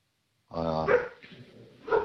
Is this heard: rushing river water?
no